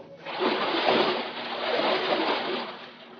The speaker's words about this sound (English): I held her a moment longer than was necessary, and then dropped her into the water.